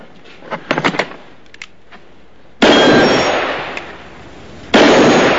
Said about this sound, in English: As one of the men coaxes the passengers out, two others shoot the lock off the trunk-like cash box.